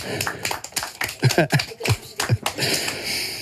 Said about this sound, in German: Mega gute Bären gsi, bravo. Applaus für euch selber.